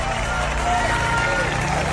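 An audience applauds an accordionist's world record, set in an 83-hour accordion marathon, on Radio Velenje, many hands clapping into a dense, continuous wash of sound that stays loud and even for the whole two seconds, with a low steady hum underneath.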